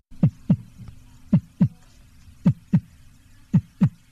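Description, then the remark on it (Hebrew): A steady human heartbeat thumps in paired lub-dub beats, four pairs spaced evenly, muffled over a faint low hum with no voices. “או פעימות הלב שלנו.”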